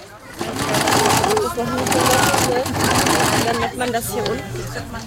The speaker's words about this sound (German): Hier wird genäht fleißig an Nähmaschinen.